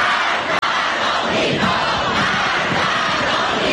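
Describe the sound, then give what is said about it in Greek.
Thousands of people chant and shout in unison at a Saturday evening rally in Ardabil Square, pledging allegiance to the new supreme leader Mojtaba Khamenei: a dense, steady roar of many voices with rhythmic surges, loud throughout, with one brief cut early on. “Χιλιάδες συγκεντρώνουν το βράδυ του Σαββάτου στην πλατεία Αρνταβίλ, ομνύοντας πίστη στο νέο ανώτατο ηγέτη Μοτσταμπά Χαμενεΐ.”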